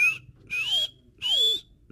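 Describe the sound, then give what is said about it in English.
A bird of prey's feeding call: high, thin whistled cries repeating about three times in two seconds, each rising slightly in pitch with a lower gliding tone sliding down beneath it. “Benassi says you'd most likely hear a feeding call, which sounds something like...”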